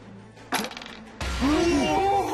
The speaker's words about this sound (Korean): 그럼 주사위를 던져주세요. 제가 먼저 굴려볼게요.